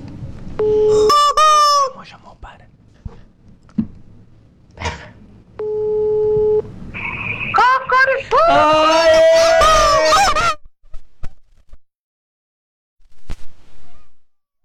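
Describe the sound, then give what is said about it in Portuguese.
Two long, steady ringback tones of an outgoing phone call, separated by a pause, followed by loud, honking, bird-like vocal sounds of a voice imitating a rooster or hen. “Deixou chamar até na última. Na última chegou correndo pra atender o telefone e disse alô.”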